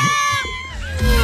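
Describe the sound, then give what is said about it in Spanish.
An audience crowd shouts and cheers together, many voices overlapping in a loud, steady roar of high-pitched calls that swells slightly near the end. “La gente lo que está gritando, mira, escucha.”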